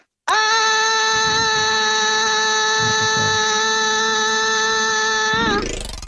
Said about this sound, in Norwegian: Har du noe trapp eller noe sånt? Ja, opp til andre etasje. Bare høre ekko I trappa der også, da, hvis du kan bare ta og skrike en gang opp der.